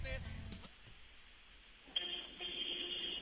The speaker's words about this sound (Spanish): Tienes tu claxon a la mano, supongo. Sí, de hecho ando aquí en el tráfico todavía. Muy bien, acerca el teléfono a tu claxon y habla así, oye.